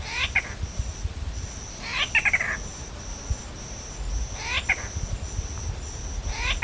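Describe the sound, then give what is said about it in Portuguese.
A bird gives three nasal, mewing calls like a cat's meow, spaced a couple of seconds apart, over a steady drone of crickets and insects. “É que uma das suas vocalizações pode lembrar um miado de gato.”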